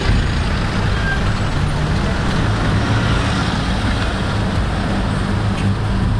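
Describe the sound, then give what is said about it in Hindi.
Steady rumble of a road traffic jam on a single-lane road as tourists head back, with heavy engines idling and droning continuously like congested vehicles packed on a road, and faint background voices mixed into the constant noise. “Road जाम इसलिए ज़्यादा हो रहा है कि लोग घूमने के लिए आए थे, टूरिस्ट, वो सब जल्दी से वापस जा रहे हैं।”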